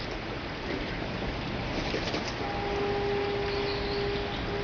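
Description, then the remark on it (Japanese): Steady, even hiss of rain falling on Kinenzaka, a quiet, narrow stone-stepped slope beside Oura Cathedral (Oura Tenshudo), with no voices, as town sounds reach it. About halfway through, a sustained low humming tone, like a horn, joins and holds under the rain. “雨の降る静かなこの坂道にも町の音が届いてきます。”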